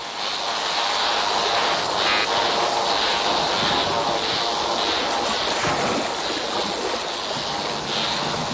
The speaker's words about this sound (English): The sounds we're listening to were recorded underwater at Australia's Great Barrier Reef.